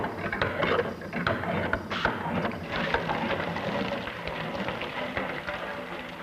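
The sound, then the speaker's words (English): A working water pump runs steadily, water gushing and splashing continuously with faint mechanical clunks mixed in, fairly loud, with no one speaking. “From this laboratory toy, you pass to a working pump of great practical value, like this one.”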